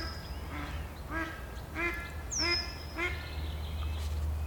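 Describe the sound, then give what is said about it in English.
Mallard ducks in a marshland, unsettled at 3:30, quack in a rapid, agitated series of about five calls over a steady low rumble of wind or water, with a thin high whistle drifting through the background. “3:30, the mallard ducks are a trifle unsettled.”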